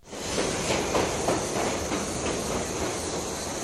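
A departing train in the jungle rumbles steadily with a broad, hissing roar and faint rhythmic clacking of wheels on rails, holding a constant loudness after a quick rise at the start. About 300 people are left behind as it goes.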